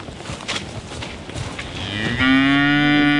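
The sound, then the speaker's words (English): A cow lets out a long, loud moo that swells from a low rumble into a sustained, strongly harmonic bellow, with no one talking over it. “Bristol's up behind him and her little calf Marama. And the Hereford's the last of the last stock that we'll be eating her next year.”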